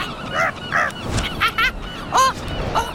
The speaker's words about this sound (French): Le goéland arrive au-dessus d'une petite plage de sable où des gens pique-niquent. Le goéland s'élance en criant.